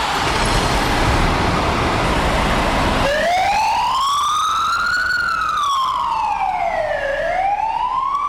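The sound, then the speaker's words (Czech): Fire engines pull out to a training exercise amid loud rumbling engine and road noise, then a wailing siren rises and falls in long, smooth sweeps, dominating the scene with no talking. “Technika vyráží na výcvik.”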